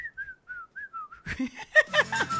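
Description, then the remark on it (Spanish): A thin, breathy whistle stutters out in six short, wavering notes, weak and airy, before a burst of voices and laughter takes over. “¡Pobre ese silbido!”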